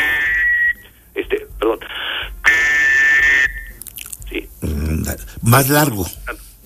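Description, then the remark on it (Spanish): A three-hole whistle is blown as a distress signal, sounding a series of shrill, piercing blasts that grow in intensity: one medium, several short bursts, then a long loud blast. A man's voice follows briefly afterward. “O sea, si no obtienes respuesta, como es un sonido de auxilio, de ayúdenme, de estoy en este aprieto, vas aumentando la intensidad, ¿no?”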